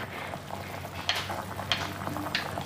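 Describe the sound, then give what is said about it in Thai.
A pot of pork boiling on a stove for boat noodle broth, with a steady bubbling hiss broken by three louder pops at irregular intervals. No one speaks. “ถ้าต้มพอใช้เท้าสุกเนี่ยคุณผู้ชมใช้เท้าสุกก็คือใสทั้งชิ้นนะคะไม่ได้เป็นขุ่นขาวข้างในก็เริ่มปรุงอย่างอื่นได้เลยค่ะหม้อที่บ้านคุณผู้ชมใหญ่พอเนี่ยก็ไม่ต้องเอาหมูออกก็ได้นะคะใส่ต่อได้เลย”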